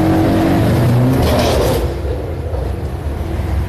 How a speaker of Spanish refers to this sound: Bueno, vemos bastante movimiento comercial en Carapeguá, la ruta internacional número 1 bastante transitada.